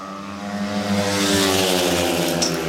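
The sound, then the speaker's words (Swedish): Speedway motorcycles race by in a loud, continuous engine roar, a layered buzzing whine that holds steady and swells slightly over a few seconds, with no voices. It is heat 13 of a speedway derby, after the first lap, with Lejonen riders Pavel Sedpelski and Maxim Drabik leading 5-1. “Efter ett varv är det ett 5-1-läge här för Lejonen.”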